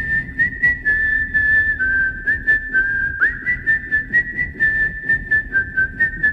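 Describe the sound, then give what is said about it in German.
A person whistles as a substitute for speech, a continuous, gliding tone that rises and falls like spoken phrases, with rhythmic pulses and brief breaks, fairly loud, with no talking. “Das heißt, alles das, was wir dem Pfeifen an Bedeutung zuschreiben, müssen wir rückübersetzen in das Sprechen.”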